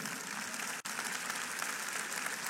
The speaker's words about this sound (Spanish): Un aplauso al Señor.